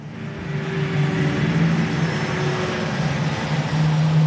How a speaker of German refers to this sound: Man hört nur ein leises Surren und das Geräusch der Reifen auf dem Asphalt, als der große rote E-Lkw auf den Hof der Spedition Ansorge bei Wiesenhofen rollt.